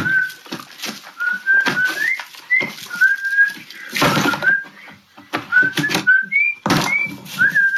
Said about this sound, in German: der ein Video hochlädt, in dem er nach diesem Song Kanyes Yeezys in den Müll schmeißt und dabei pfeift. Das ist schon witzig.